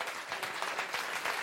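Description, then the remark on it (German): Steady applause from the audience at the MDR Kultur festival show on the outdoor festival stage in front of the studio in Rudolstadt, a dense wash of many hands clapping at once with no single claps standing out, holding at an even level throughout. “Und an dem Applaus können Sie an den Radiogeräten hören.”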